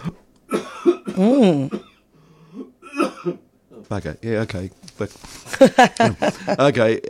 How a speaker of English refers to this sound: I'm going to cough, I'm sorry.